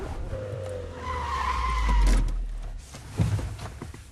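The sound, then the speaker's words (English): A car skids to a stop: a loud, wavering tire squeal rides over deep engine rumble for about a second, then fades, followed by a brief low thud as the car settles. “Stop here, stop the car.”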